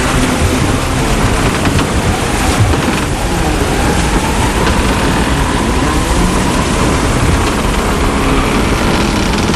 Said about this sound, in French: c'est l'ouragan, on est dedans. Il arrive à rendre ça, on sent le sel, la sueur, le sang, les embruns, on se prend les vagues